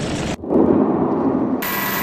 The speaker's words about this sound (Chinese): 抵近攻击区域，王胜全一边调整战机高度和飞行姿态，一边锁定目标，导弹精准命中数公里外的岛上目标。